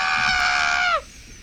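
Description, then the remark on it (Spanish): A person imitates a chicken with one loud, shrill, sustained squawk lasting about a second, ending in a quick downward slide before fading into quiet. “Callen la gallina, chicos.”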